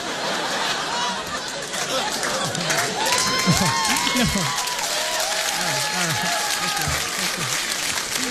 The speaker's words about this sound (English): This is so unusual to hear so much applause. I think you're trying to trick me and make me think I'm done.